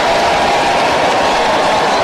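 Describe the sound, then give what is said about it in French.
A baseball stadium crowd applauds steadily after Robbie Enriquez's solid hit to the opposite field, a dense wash of clapping and cheering that holds at an even, fairly loud level throughout, with no voices standing out. “les applaudissements avec raison.”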